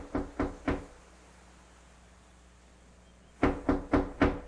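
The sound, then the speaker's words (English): Three firm knocks on a wooden front door by a visitor, a pause of a couple of seconds, then four more knocks in a steady rhythm, fairly loud with no one speaking. “Franny Atkins, you in there? Open up.”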